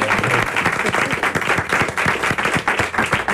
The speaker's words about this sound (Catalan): Ara podeu aplaudir. Bravo. Bravo.